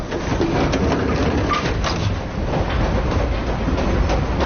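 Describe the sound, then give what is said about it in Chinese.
A train rolls steadily along the rails, a constant loud rumble with faint rhythmic clacks running through it, with no one talking. “干火车来了吧？”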